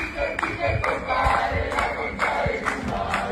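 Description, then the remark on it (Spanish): A crowd of Argentine 'Gandalf' protesters shouting together at the door of Peter Thiel's house, loud and continuous, with overlapping voices rising in ragged bursts of chanting and yelling throughout. “Y en este caso vamos a ver y a compartir imágenes, y yo les voy a contar, hubo una manifestación de Gandalfs argentinos.”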